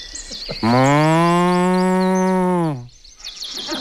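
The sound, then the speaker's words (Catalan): A person imitates a cow from Sant Pere de Torelló with one long, loud, steady moo lasting about two seconds, while faint birdsong chirps in the background before and after. “Vale, doncs quan vulguis, fes de vaca de Sant Pere de Torelló.”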